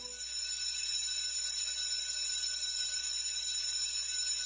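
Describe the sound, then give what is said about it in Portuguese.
A school bell, struck by the school's headmistress, rings continuously for several seconds, a steady, shrill metallic clangor at an even loudness, with no voices. “A diretora foi até o sino da escola e bateu.”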